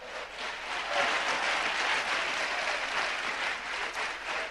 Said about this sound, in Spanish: Indíquelo con un fuerte aplauso a Cristo esta tarde.